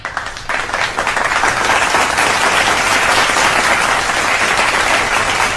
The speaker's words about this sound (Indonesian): Yes, Korea Selatan tepuk tangan dulu.